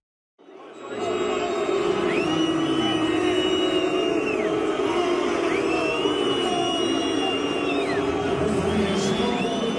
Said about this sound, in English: FIFA's hydration breaks at the World Cup are inviting loud boos and criticism. You might have heard them.